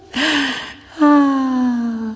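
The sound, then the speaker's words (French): A sharp, breathy gasp of air drawn in, then a short pause and a long voiced exhale that slowly falls in pitch, like a sigh. “De l'air audible.”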